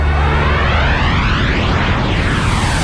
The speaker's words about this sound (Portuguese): Mas estamos aqui a tentar perceber que música é esta de hoje, que começa assim com um avião. Que música será esta?